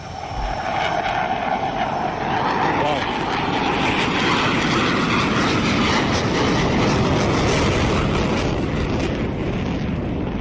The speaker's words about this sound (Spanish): El caza ruge en el aire. Quizá por eso el emblema del ala 15 es un tigre. Vaya despegue. Nada más subir, tira para arriba. Ya hace el primer looping, que lo hace completo, ¿vale?